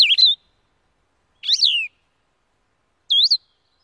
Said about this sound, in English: I quickly heard two. First, the distinctive two-part trill of a Nashville warbler. Then, the halting, whistled phrases of a blue-headed vireo.